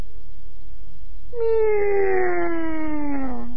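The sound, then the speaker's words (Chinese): A single drawn-out, loud meow from a small cat under a bed, sliding slowly downward in pitch for about two seconds after a quiet pause; it sounds like a human voice imitating a cat. “宗英想起来了，哦，是那小猫。”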